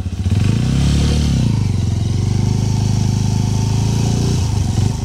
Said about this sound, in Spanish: la posibilidad de estrenar una espectacular Suzuki DR160X 0 kilómetros. Óigala cómo suena.